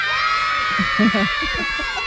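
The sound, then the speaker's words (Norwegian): A crowd of children shouting and shrieking with excitement as they run and push toward an ice cream truck giving out free ice cream, a steady high-pitched din throughout, with a voice talking underneath. “Jeg har aldri følt meg så popstjerne noen gang, som du står på taket der og roper at det gratis is, og det bare, som i en mavertue, det bare kommer unger bare tytende og løpende og presser seg på og dytter bort lærerne og slåss for å komme seg inn”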